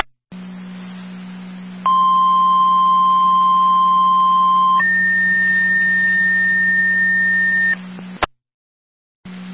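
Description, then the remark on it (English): Fire control dispatch alert tones for Ransomville: a loud, steady pitched tone holds for about three seconds, then steps up to a higher tone for three more, over a constant radio hum, ending with a sharp click. “Ransomville, all set on tones.”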